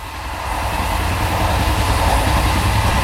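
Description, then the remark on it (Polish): A train rolls steadily along the rails, a continuous loud rumble with low rhythmic rattling and wheel noise that builds slightly in the first half-second, then holds. No one speaks. “Napiszcie nam swoje wspomnienia, skojarzenia albo krótką historię związaną z podróżą koleją.”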